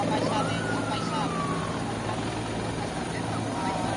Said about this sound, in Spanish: Bueno, vemos que hay complicaciones con ese sonido que nos llega precisamente por esos helicópteros de los servicios de extinción, que está complicando pues que podamos escuchar, incluso que puedan realizar en condiciones esa comparecencia.